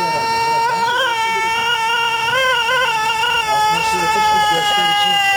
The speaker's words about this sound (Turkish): Ötüşleriyle birbirleriyle yarışıyorlar. Denizli horozları uzun ve ahenkli ötüşleriyle dünyanın en dikkat çeken horozları arasında yer alıyor.